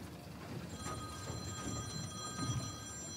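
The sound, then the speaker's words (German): A telephone rings with a steady electronic trill at a yacht harbour, its bright tones sustained over a low rumbling background, moderately loud and without any voices. “Jetzt klingelt das Telefon.”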